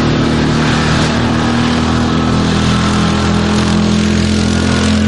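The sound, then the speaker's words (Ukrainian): A quad bike engine rumbles steadily and loudly, its low droning hum holding constant throughout with no voices. “Але час від часу чутно стукіт гусениць НРК, який доставляє щось дуже важливе нашій піхоті, або навіть гуркотіння мотору квадроцикла.”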